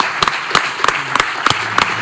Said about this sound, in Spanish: Y ahí estuvo nuestra Olga Carmona, y aquí hoy el homenaje para ellos, como tiene que ser, aquí en Radio Marca. Por favor, les pido que suban con nosotros, tanto a Pablo como a Olga. Fuerte aplauso.